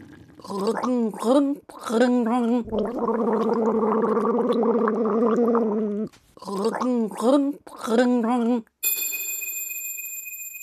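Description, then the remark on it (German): Someone gargles water while voicing a wavering tune as a gargling riddle called 'Sturm im Wasserglas' (storm in a water glass), with short bubbly bursts, a long sustained rattling gargle in the middle, more bursts, and then a bright ringing chime at the end. “Macht euch bereit, wir setzen die Segel für das letzte Gurgelrätsel.”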